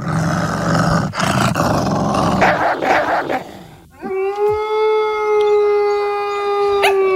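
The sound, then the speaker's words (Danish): A young wolf growls low and raspy with a short bark, then lets out a long, steady howl that holds for several seconds, loud with no talking. “Altså, det der lyder bare som en farlig ulv.”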